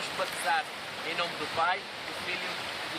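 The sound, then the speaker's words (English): Steady Atlantic Ocean surf washes against the shore in a broad, continuous roar on a Sunday morning as church members gather for a baptism, with voices murmuring faintly beneath the rush of water. “get baptized in the Atlantic Ocean.”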